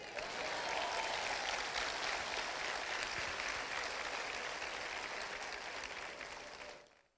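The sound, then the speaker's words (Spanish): Sustained audience applause, a dense wash of many hands clapping at a steady level for about six seconds before fading out quickly at the end. “¿Puedo aplaudir?”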